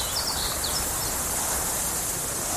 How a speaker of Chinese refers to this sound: 草原，大海。如果有一天，这些美好的声音突然消失，为了守住这些美好的声音，热爱大自然，呵护地球家。